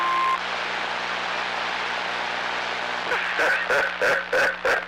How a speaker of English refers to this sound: I guess it's the name of the Roger beep.